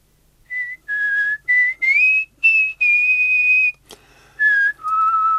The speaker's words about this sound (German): … pfeift auch, wenn sie durch die Hausgänge geht.